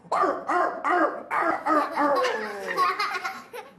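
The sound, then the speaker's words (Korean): A teacher imitates a puppy barking for a class of children: three quick, high yaps in a row, then a longer run of squeaky yelps blending into laughter, fairly loud. “저는 강아지예요.”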